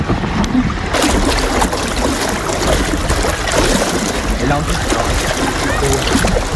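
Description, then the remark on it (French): Loud, steady rush and churn of water streaming along the hull of a moving sailboat, with continuous hissing and splashing that never lets up and little wind noise. “juste entendre le bruit de l'eau”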